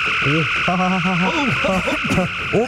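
A warbling sci-fi phaser dematerialization effect: wobbling electronic tones sweep up and down over a steady high-pitched hum, loud and continuous for a few seconds with no voices.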